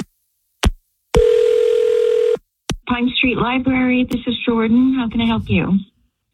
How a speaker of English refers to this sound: I'm going to dial her phone number right now.